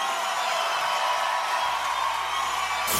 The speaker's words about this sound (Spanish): ese aplauso fuerte.